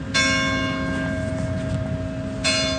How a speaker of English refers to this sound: Church bells ring one village over in Saint-Jean-d'Illac.